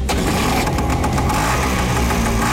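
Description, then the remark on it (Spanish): An old, beat-up motorcycle engine is started and idles roughly and loudly, a steady sputtering, knocking rumble that holds for a few seconds with no voices. “Cuando uno escucha una moto así, Rodolfo, uno sale corriendo enseguida.”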